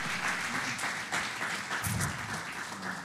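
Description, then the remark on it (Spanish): Steady, dense applause from a crowd honoring a pastor, a continuous wash of many hands clapping at an even loudness for about three seconds, with a brief murmur of voices partway through. “Da un fuerte aplauso por el tremendo hombre de Dios.”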